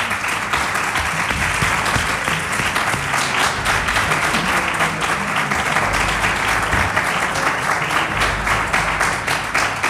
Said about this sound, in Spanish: Así que un abrazo y un fuerte aplauso para vosotros.